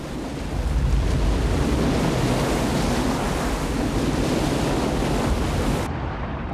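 Loud, continuous roar of surf as a large breaker dumps a surfer before he can stand up on his board, waves crashing and churning into a dense wash of white water with some wind rumble, easing slightly at the end.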